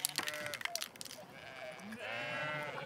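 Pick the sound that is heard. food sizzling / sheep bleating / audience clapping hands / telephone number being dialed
sheep bleating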